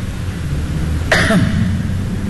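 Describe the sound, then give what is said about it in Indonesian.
A single sharp cough bursts out near the middle, brief, standing out against a steady low background hum with no talking. “Batuk tu”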